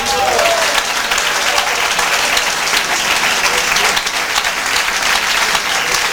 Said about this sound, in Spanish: Aplauda la presencia de Dios.